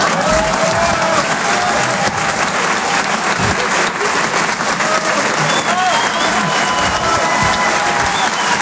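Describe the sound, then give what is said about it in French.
A dense, steady wash of audience applause at a comedy club fills the whole stretch, loud, with scattered whoops and cheers rising through the clapping and a faint murmur of voices underneath. “Ça pourrait être un tonnerre, d'applaudissements.”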